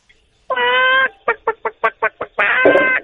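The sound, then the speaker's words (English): A high-pitched imitation of chicken clucking: a drawn-out squawk, then a quick run of about seven short clucks, ending in another loud squawk, clear with no talking. “Okay, and now can I get the same chicken sound effect, but with a higher pitch?”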